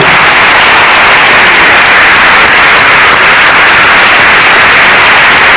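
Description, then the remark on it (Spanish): Loud, sustained applause from an audience, a dense wash of many hands clapping at once with no gaps, steady for several seconds and with no voices heard above it. “vamos a aplaudir a Pablo!”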